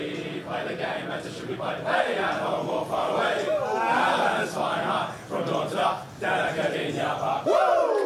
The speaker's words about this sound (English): Bit of a run-of-the-mill singing of the song there, Ray, do you think?